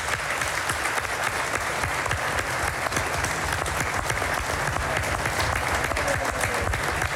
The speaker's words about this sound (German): Und ich finde, das auch nochmal einen Applaus wert.